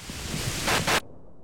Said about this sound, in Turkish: Yağmur durmadan hava kararıyor.